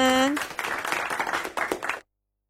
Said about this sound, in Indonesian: Ayo semangat sayang, semangat. Tepuk tangan dulu dong. Ayo regu A, tepuk tangannya mana?